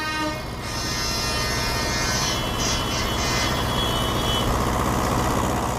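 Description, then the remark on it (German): Loud diesel engines rumble and idle steadily throughout at a farmers' protest demonstration, with sustained honking horns blaring over the continuous engine noise. No one speaks. “Hörbar natürlich auch. Also Dieselmotoren, Hupen und so weiter.”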